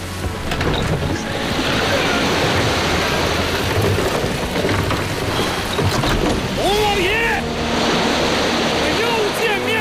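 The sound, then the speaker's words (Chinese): A steady, loud roar of crashing waves in a stormy sea, thick with hissing spray like heavy rain, with faint rising and falling whistles near the end. “把我那尊铜炮推到船头，对准海浪，轰他一炮！”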